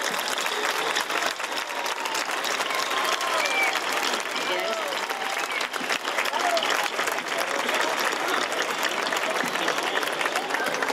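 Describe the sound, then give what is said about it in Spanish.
A crowd breaks into loud, sustained applause to welcome the herald (pregonero) of the Real Feria y Fiestas de San Agustín 2026 in Linares. A dense wash of clapping holds steady for the whole stretch, with scattered voices and cheers mixed in. “Linarenses, amigos, amigas y todos los que hoy nos acompañáis, recibimos con un enorme aplauso al pregonero de la Real Feria y Fiestas de San Agustín 2026.”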